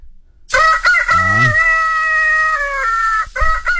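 A rooster lets out one loud crow lasting about three seconds, a strained call that rises, holds steady, then drops off at the end, with no voices around it.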